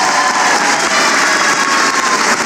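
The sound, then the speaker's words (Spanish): A theatre audience at the Teatro Municipal de Lima keeps applauding, a dense, steady wash of many hands clapping at once, loud and unbroken for the whole stretch, with no voices standing out above it. “Y ha quedado demostrado precisamente hoy en el Teatro Municipal de Lima, ha tocado las fibras más sensibles de cada una de las personas que están acá, y con tremendos cánticos, aplausos, pancartas, lo han demostrado, y continúan los aplausos.”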